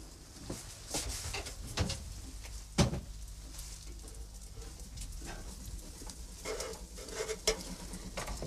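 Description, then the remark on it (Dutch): A few light knocks and handling noises, then a sharp clunk as an oven door is pulled open to check on baking cookies, followed by quieter rattling and a faint background hum. No one speaks. “zal nog eventjes checken nu in mijn oven hoe dat daar zit met die koekjes.”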